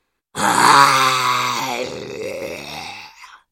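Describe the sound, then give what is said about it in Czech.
A voice imitates the roar of the storybook monster Lepkavý chlup: one long, loud, growling bellow lasting about three seconds, starting strong and then dropping lower and rougher as it trails off. “Zařval lepkavý chlup.”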